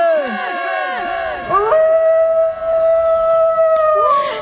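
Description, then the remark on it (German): Several wolves howl together in overlapping, wavering rises and falls, then one long steady howl holds on while others join faintly. The chorus is loud, with no talking. “Der Vater blickte zu den Wölfen herunter.”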